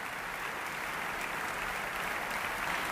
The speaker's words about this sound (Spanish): Aplausos para la Orquesta Sinfónica de Barcelona y Nacional de Cataluña y para Ludovic Morlot, después del concertino para orquesta de cuerda de Robert Gerhard que acabamos de escuchar desde el Auditori de Barcelona.